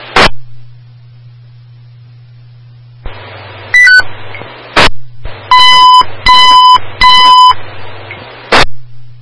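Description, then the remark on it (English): A fire dispatch alert comes over a radio channel for a commercial alarm, dispatching Ladder 3 to zone 53, 1800 Tillery: short squelch bursts, a stepped tone, then three evenly spaced bursts of bright beeping tones, loud against a steady low radio hum. “Can we rebroadcast for a bell?”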